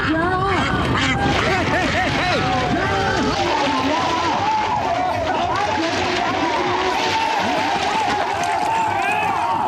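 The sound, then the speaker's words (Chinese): A dense, noisy chorus of ducks quacking continuously and loudly, overlapping with excited shouting voices and general commotion throughout, during a duck-catching contest in which both men and women compete. “抓鸭子不光是男士的比赛，不少小姐姐也不甘示弱，真是巾帼不让须眉，只因眼中有鸭。”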